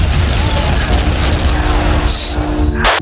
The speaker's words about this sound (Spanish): ¡Ah! Aquí el helicóptero se ha chocado contra nosotros.